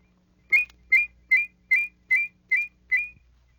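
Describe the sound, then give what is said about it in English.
A fast la-la whistle: seven short, evenly spaced whistled notes, each with a slight upward lilt and two close tones blending together in harmony, clear with no talking. “With a fast la-la whistle, you can produce two notes so closely they sound in harmony.”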